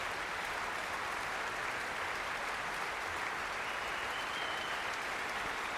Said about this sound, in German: Jetzt kommt Paavo Järvi noch einmal herein und bittet alle aufzustehen. Viel Applaus.